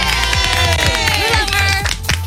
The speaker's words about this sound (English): It's normal to clap for yourself, right? That's what we do. It'd be abnormal if you didn't.